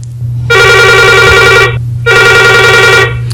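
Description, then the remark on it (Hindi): A telephone rings twice as a listener calls in to a radio phone-in programme, each ring a loud, steady harmonic trill lasting over a second, separated by a short pause, with a low hum underneath and no talking. “आपके फोन का हमें इंतजार रहेगा।”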